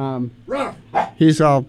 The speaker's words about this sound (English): The dog is here, as you can hear.